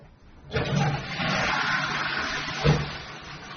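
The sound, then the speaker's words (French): A toilet flushes with a sudden rushing gush of water that holds steady for several seconds, with a brief knock partway through, and no voices; the flush has just been repaired. “Tu as officiellement réussi à réparer la chasse d'eau.”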